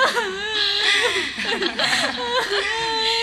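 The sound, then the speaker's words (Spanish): A woman fake crying: a steady stream of high, wavering whimpers and sobbing cries, pitch sliding up and down in short strained bursts for several seconds, with no words. “No está llorando realmente. No, está fingiendo.”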